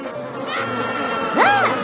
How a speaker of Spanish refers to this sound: Miles de moscas atacaron a los egipcios.